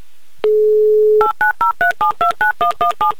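A steady dial tone hums briefly, then a quick run of about eleven evenly spaced touch-tone beeps as a phone number is keyed in, close and clear with no talking.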